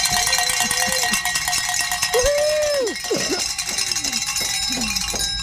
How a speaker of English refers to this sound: And those Kyle kids are very happy they got to ring some bells.